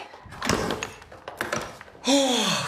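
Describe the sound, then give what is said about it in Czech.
A door thuds shut, followed by a few sharp metallic clicks and rattles as the key in the door is turned to lock it, then a person starts talking at the end. “Máme kliku, ve dveřích je klíč. Neřečni a zamkni.”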